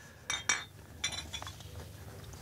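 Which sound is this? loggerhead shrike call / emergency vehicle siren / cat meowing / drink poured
drink poured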